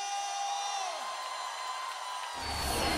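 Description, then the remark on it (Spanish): A crowd cheers and whoops in one continuous, bright roar that holds steady for a few seconds, then swells louder and fuller toward the end. “¿Alguien puede dar un grito de júbilo?”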